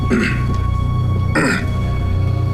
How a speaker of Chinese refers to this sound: 你总咳嗽什么？